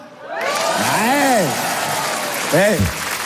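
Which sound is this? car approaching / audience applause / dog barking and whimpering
audience applause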